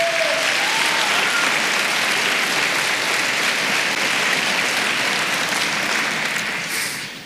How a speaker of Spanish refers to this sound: Dele palmas al Señor.